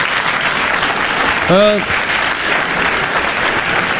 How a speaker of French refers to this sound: Le public, il applaudit.